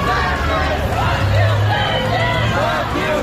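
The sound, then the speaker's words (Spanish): A protest crowd shouts "que os den, fascistas", many voices overlapping in a dense, continuous roar, with rising and falling yells breaking through, a steady low rumble underneath. “Al grito de que os den fascistas.”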